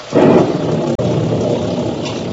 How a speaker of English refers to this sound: The squall engulfed us now. The rain was blinding when one couldn't tell where it ended and the ocean began.